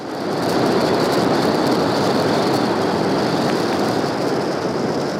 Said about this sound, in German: Schiffe durchqueren dort jedes Jahr die Meerenge, weshalb es unter Wasser oft so klingt.